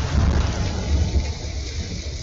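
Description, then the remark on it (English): Heavy rain pours steadily while deep thunder rumbles low underneath, a dense, continuous storm wash with no voices, loud throughout, from rains that flooded streets across part of Greater Accra, Ghana. “When the rains came, they left more than flooded streets.”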